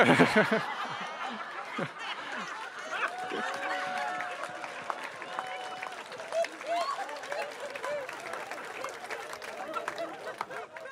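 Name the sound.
audience clapping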